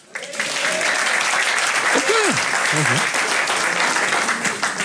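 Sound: audience applause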